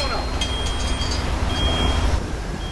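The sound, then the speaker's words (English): A heavy garbage truck rumbles steadily past along a tree-lined residential street, its deep engine drone filling the street, with faint high whines and mechanical tones riding over the low growl. “Now, a garbage truck lumbers down a tree-lined residential street.”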